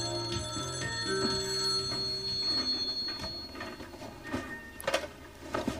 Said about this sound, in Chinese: 你们接电话呀！